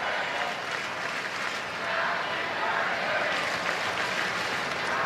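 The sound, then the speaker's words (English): A large baseball stadium crowd in L.A. chants happy birthday for Otani during a game, a dense, steady roar of many voices that holds at an even loudness for the whole five seconds with no single voice standing out. “Crowd chanting happy birthday for Otani right now.”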